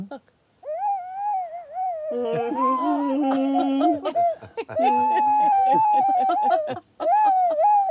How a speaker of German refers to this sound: Aber wir haben jetzt neulich, kurz nachdem er gestorben ist, seinen Campingwagen ausgeräumt. Und da habe ich diese Flöte gefunden. Und wir haben dieses Instrument immer die Beutelratte genannt.